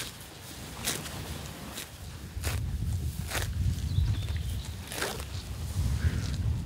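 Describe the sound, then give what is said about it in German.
Cows tear off grass while grazing on a pasture by the Zierker See, with herbs, clover, dandelion and grasses: a series of short, crisp ripping bursts at irregular intervals, roughly once a second, over a steady low rumble, with no voices. “Das sind doch schöne Geräusche, wie so Kühe das Gras abrupfen.”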